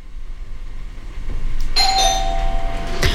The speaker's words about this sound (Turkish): Zil çaldı.